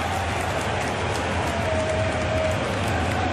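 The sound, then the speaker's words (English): Heavy rain pours down during a football match between Anderlecht and Club Brugge, a dense, steady hiss that fills the whole stretch without a break, loud, with a low rumble underneath and no voices. “You can certainly hear the rain pour down.”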